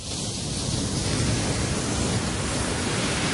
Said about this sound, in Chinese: 在大热天时的时候咧，听下呢啲海浪声咧，都有种好凉快的感觉啊！